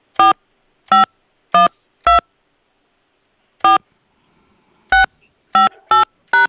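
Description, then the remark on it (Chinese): Eight short, clear keypad beeps as a mobile phone number is entered on a phone keypad during an automated hotline call: four in a steady run, a pause, then one more and a quicker final burst of three. Loud, with no talking. “辛苦您重新输入11位手机号后，按数字键盘右下角的井号键确认，或者直接说出您的11位手机号码。”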